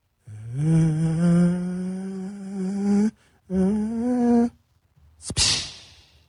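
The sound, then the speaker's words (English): A voice imitates the distant sound of an airplane as heard on a home surveillance camera video, with a long, steady droning hum that slowly rises in pitch, pauses, drones again more briefly, then ends with a short breathy hiss. “I'm going to do my best impression of what you can hear from that somebody's home surveillance camera.”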